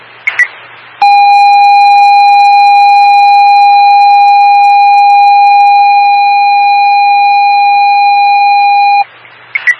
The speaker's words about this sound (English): alarm activation.